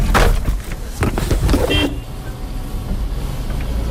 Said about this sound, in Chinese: 我的车跟垃圾车一样， 这是工作的时候开的车。 对，去沙漠的时候开，有各种东西。